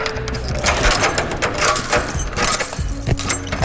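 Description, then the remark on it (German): A white key is handled and shaken, giving a steady run of bright metallic clinks and rattles with no pause, fairly loud and heard alone with no voices, as a sound played on Big FM radio's Big Soundcheck. “Ich habe jetzt hier einen Schlüssel mitgebracht.”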